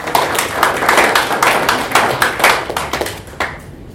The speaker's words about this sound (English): So we can clap for them.